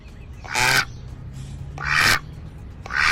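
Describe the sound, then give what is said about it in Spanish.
The Aflac duck quacks three times at a steady, unhurried pace, each quack loud and nasal, separated by short pauses with a faint background hum and no talking. “¿Esto es un pato o es un cerdo?”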